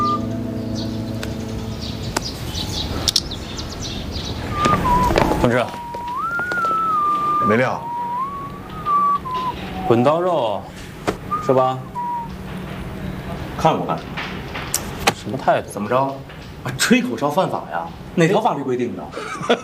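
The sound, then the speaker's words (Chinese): Someone whistles a short, wavering tune for several seconds, clear and fairly loud, followed by a few brief chirpy whistled notes among people talking. “啊，吹口哨犯法呀？”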